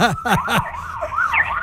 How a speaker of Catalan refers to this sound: l'ambulància aquesta que tens per aquí darrere? Suposo que no és... Sí, ara passa de seguida.